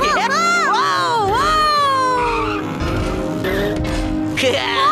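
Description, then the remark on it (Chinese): A loud race car engine whines and revs in sweeping rises and falls as it speeds past, overtaking other cars to take the lead in a race, with high tire squeals cutting through the roar. “看我漂亮超车！ 大伦追上来了，状态很好，他还在不断超车，已经到了领先位置。”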